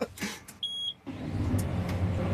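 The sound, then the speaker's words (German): A short electronic beep sounds, then a heavy diesel tractor engine on a farm turns over and settles into a steady, low rumbling idle that continues to the end. “Macht den Traktor an, was steht jetzt an?”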